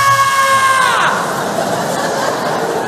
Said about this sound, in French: Vous croyez que je vous vois pas tous me regarder sur le côté comme des pigeons? On supporte pas un enfant qui pleure pendant 2 minutes, c'est ça? Ah non, parce que moi, ça fait 2 ans que je supporte ça, ok?